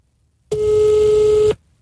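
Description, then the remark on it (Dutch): A single one-second telephone ringing tone, a steady mid-pitched beep with a slightly tinny, speakerphone quality, sounding loudly and clearly alone before cutting off into quiet; the phone is held against a microphone while calling someone. “Zet de telefoon tegen de mic, dan hoor je hem wat beter.”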